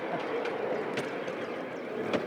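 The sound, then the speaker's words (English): A model train, fitted with brakes, rumbles steadily along its track at a museum, a continuous mechanical whir with faint periodic clicks from the rails, fairly quiet and without any voices. “I would be surprised if there's enough length on this track to get up to 10 miles an hour.”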